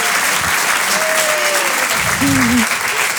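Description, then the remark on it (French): A crowd applauding a performer's announcement that she got married, dense and steady clapping throughout, fairly loud, with a brief voice or whistle-like tone rising and falling partway through. “Applaudis, c'est très vite, très fort.”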